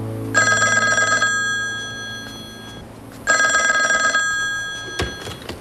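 A telephone rings in two bursts, each a bright, buzzy trill lasting about a second, with a short pause between them. A soft low hum runs underneath and a click comes near the end.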